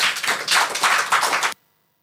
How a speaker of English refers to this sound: And let's clap for NIMOS.